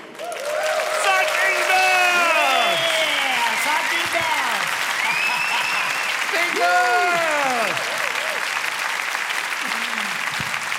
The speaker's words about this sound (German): So muss das sein. Alle machen mit, alle klatschen mit und alle tanzen mit.